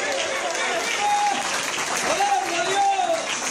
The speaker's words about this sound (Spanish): Dale unos segundos de alabanza al Señor ahí. Dale ese aplauso grande al Padre, al Hijo y al Espíritu Santo.